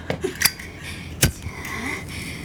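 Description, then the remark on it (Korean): A lighter is flicked in the dark: a few small ticks, then two sharp metallic clicks about a second apart, followed by a faint, steady hiss, with no voices. “라이터 켜봐.”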